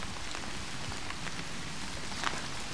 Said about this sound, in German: Ja, also wenn man die Umgebungsgeräusche etwas hört, so ist es leicht zu hören, dass es regnet. Und immer wenn es regnet, ist es gut für die Moore und schlecht für die Leute, die sich gern die Moore anschauen, weil die werden nass.